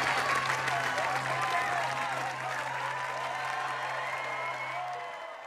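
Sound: applause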